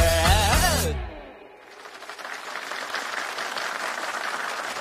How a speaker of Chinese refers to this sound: 来宾请掌声鼓励。这掌声不是我加上去的，是他歌里面自带的。